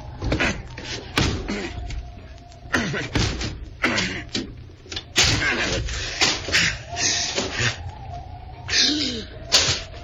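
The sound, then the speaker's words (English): A locked door being broken down: a series of loud, irregular bangs and heavy thuds as something slams against it again and again, with muffled voices in between. “The door is locked. I'll have to break it down.”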